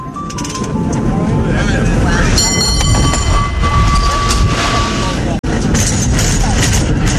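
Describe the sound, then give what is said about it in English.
A cable car rumbles and rattles along its rails during a passenger ride, loud, with a sustained high metallic squeal partway through and a brief dropout near the end, muffled voices underneath. “He insisted we go ahead with the cable car ride, that Mom would want us to do that, and that he'd take care of her.”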